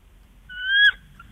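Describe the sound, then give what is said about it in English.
A person imitates a bald eagle call, a rising, strained whistle held for about half a second, then a brief sharp repeat, fairly loud with no other sounds. “What does a bald eagle sound like?”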